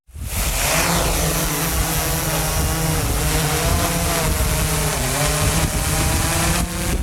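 A drone of the kind used to rescue roe deer fawns in meadows flies with a loud, steady electric buzz, its layered whining tones drifting slightly up and down in pitch for several seconds. No one speaks.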